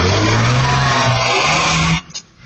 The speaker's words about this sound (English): A screech of tyres and a shout as a car is used as a weapon, clipping a man, then ramming a police vehicle on a Yarrabilba street.